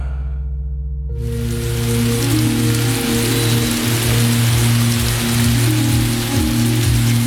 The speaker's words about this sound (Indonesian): Belakangan ini, cuaca sudah mulai lembab dan hujan sudah mulai turun.